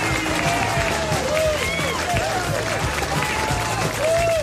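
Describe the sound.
Steady applause from a group on a morning radio show, celebrating a listener's daughter's birthday, fills the whole stretch, a dense, even wash of clapping with a few voices calling and whooping over it.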